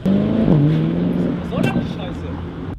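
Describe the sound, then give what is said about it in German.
A rental car's engine revs loudly, its pitch climbing and dipping as it pulls off, then the sound eases slightly as it drives away, with raised voices over it. “Das ist wirklich Mietwagen, Bruder, das ist ja mal wegfahren!”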